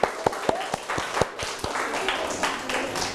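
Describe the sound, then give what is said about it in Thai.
Classroom applause for classmates who volunteer to act out a seller-and-customer role-play: a run of sharp, evenly spaced claps, about four per second, gives way to a looser, overlapping patter of many hands clapping at moderate volume. “หรือใครออกมาแสดงบทบาทสมมุติเป็นแม่ค้าและลูกค้าอัปรบมือให้เพื่อนครับ”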